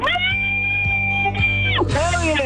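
A radio contest caller, having just won concert tickets for the Keswick Theater, lets out a long, loud, high-pitched scream that holds a steady shrill pitch for about two seconds, then breaks into an even higher, ragged wail at the end.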